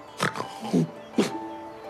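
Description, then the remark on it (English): A few rough, breathy snorts, three or four short nasal bursts with a grunting, pig-like quality, spaced irregularly over two seconds at moderate loudness with no talk over them. “Then there was a snort.”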